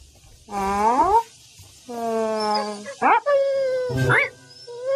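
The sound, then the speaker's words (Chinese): A dog whimpers in a series of drawn-out, wavering whines, fairly loud, broken by a couple of short sharp yelps near the end. “小狗狗，你怎么了？”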